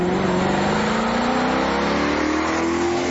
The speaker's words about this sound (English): That unmistakable sound that tells you something special's coming. Maserati is that car. And behind that iconic engine note is 100 years of racing, performance and Italian craftsmanship